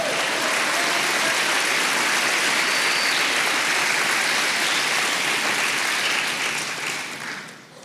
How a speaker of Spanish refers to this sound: Vamos, denle un aplauso al Señor.